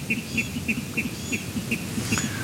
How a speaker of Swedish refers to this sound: Men det är inte alla fåglar som har en ljuv stämma. I alla fall inte vattenrallarna när de hävdar revir, enligt programledare Mats Ottosson.